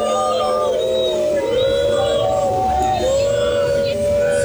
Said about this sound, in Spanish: que ouvem-se bastantes gritos contra JJ e também a Pedro Proença. Estávamos nesta expectativa de perceber qual é que seria a reação dos adeptos que acabaram por assobiar.